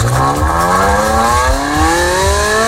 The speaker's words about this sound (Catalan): Així sona un Ferrari normal